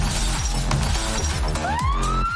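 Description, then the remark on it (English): Loud glass shattering and crashing in several sharp bursts over a dense, noisy backdrop, with a siren beginning to wail and rise in pitch toward the end. “Beachday, let's get crunk, shattered glass, trash the beach, rev our loud and unset engines.”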